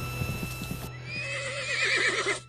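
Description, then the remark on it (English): A horse whinnies loudly, its neigh rising and then shaking into a wavering, trilling cry, preceded by a few soft thumps like hoofbeats. “Of course, he got there 2 days before the Toyota did, and that poor horse died of a broken heart.”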